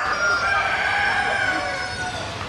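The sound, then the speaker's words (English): Roosters crow loudly and continuously, several calls overlapping into a dense, shrill chorus with scattered clucking, in the poultry shed of a 2026 agricultural show's bird competition in Katherine. “I am the chief steward for the Katherine Poultry section at the 2026 Katherine and District Show.”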